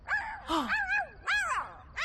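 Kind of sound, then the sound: animal, dog barking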